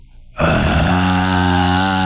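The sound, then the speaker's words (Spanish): After a brief silence, a voice lets out a loud, sustained, guttural growl imitating a young lion's roar: low-pitched and rough, held steady for almost two seconds. “Como que todavía no le sale el rugido cañón, pero ya se oye súper profundo y como muy maldito.”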